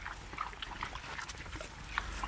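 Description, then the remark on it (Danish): Pigs in a pen on the grass at Lillegården, an organic farm near Hårby on Funen, Denmark, grunt and snuffle on a sunny morning: short overlapping calls and a few higher squeals over a steady, noisy background, with no one talking. “Ja, og som man måske kan høre, Ruth, så står vi inde ved grisene.”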